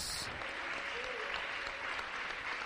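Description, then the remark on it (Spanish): An audience at a church service claps steadily for the Lord in a dense, sustained wash of applause, with faint voices mixed beneath the continuous clapping throughout. “Démosle un aplauso al Señor, aleluya, con todo el corazón.”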